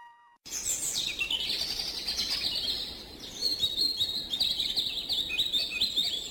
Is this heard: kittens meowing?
no